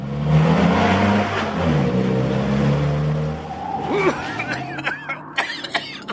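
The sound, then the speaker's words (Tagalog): A car roars loudly for a few seconds, then its engine noise fades away, leaving brief scattered vocal sounds like coughing or throat clearing. “Ay, ano ba yung sasakyan niyan?”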